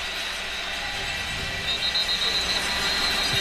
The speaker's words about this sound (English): And we get whistles as he approaches the football. I don't know why.